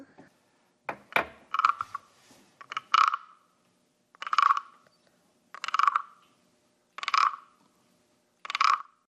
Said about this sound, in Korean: 개구리가 등이 간지럽나 봐. 이거 등을 긁어주니까 노래를 부르네.